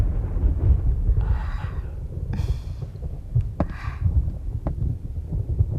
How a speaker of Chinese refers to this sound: 天上打雷了，要下雨了